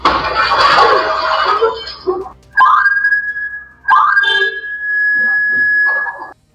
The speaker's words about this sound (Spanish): Fue este el sonido que evitó que los delincuentes revisaran la casa completamente. Una alarma de la vivienda que era víctima de al menos 3 sujetos encapuchados